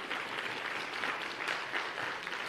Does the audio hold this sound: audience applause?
yes